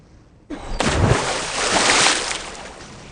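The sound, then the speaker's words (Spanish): A sudden heavy splash bursts in after a brief quiet moment, followed by a long rush of churning water that swells and slowly fades, loud; Pascual Pringles leaps into the sea clutching a flag during a dramatized naval battle. “¡Pringle se lanzó al mar!”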